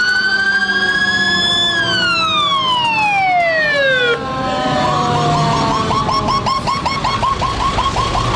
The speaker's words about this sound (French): New York est plongée dans un chaos de sirènes et de poussière. La panique est totale.